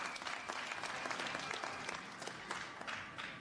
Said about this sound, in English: So let's give them a round of applause too.